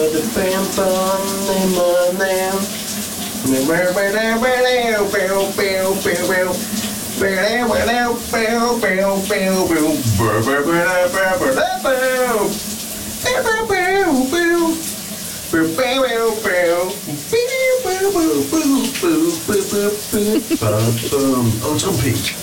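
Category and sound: household object, shower water running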